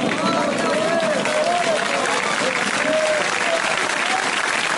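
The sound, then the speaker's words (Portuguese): Sustained audience applause fills the whole stretch, a dense steady wash of many hands clapping, with faint voices and cheers rising now and then within the crowd noise. “essas palmas para os braços, meu Deus.”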